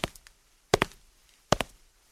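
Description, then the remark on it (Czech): Footsteps of someone walking past: a few sharp heel-and-toe clicks at an unhurried, steady pace on a hard floor, with quiet between steps and no voices. “Někdo prošel.”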